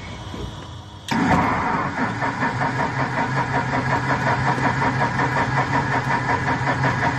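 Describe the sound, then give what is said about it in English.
A light aircraft's propeller engine cranks briefly, then catches with a sudden burst and settles into a loud, steady run with a rough, rhythmic pulsing throb. “The engine is less than enthusiastic.”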